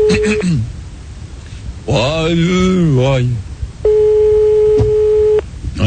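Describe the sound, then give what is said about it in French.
A steady, mid-pitched telephone line tone of a call placed live on the French radio station Fun Radio sounds loudly, broken by a short burst of voice and then resuming as one long continuous beep with a brief interruption. “Attention, premier numéro de téléphone, c'est parti.”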